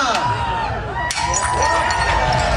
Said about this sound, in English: Mayor Olivia Chow joined the Greek tradition and smashed a plate last night.